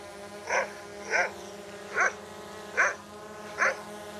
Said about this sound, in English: It flies around, herds the sheep, barking at them. They think it's an airborne dog.